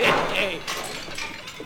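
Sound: glass preserving jar shattering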